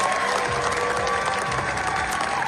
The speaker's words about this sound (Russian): Новый фильм испанских режиссеров Хавьера Кальво и Хавьера Амбросио «Ла Бола Негра» срывают 15 минут оваций на премьере на Каннском фестивале во Франции.